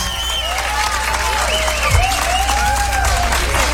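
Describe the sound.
Loud, sustained applause from a large audience at a live music show fills the space, with dense clapping and some whistles and cheers, while a voice speaks briefly over the crowd.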